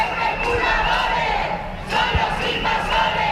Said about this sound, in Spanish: En Badajoz, a pesar de la lluvia, cientos de personas se manifestaban este domingo por la vivienda.